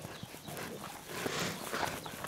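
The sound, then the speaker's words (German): Porc Negre black pigs, a domestic breed found only on Mallorca, grunting and snuffling in short, irregular bursts over a steady rustling, shuffling background of moving animals, fairly loud throughout, with no voices. “Das Porc Negre, das schwarze Schwein.”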